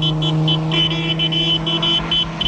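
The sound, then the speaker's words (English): A car engine hums steadily as the vehicle goes past, with a repeating high-pitched tone pulsing over the low drone. No one speaks. “They notice a car passing with people waving to the newlyweds.”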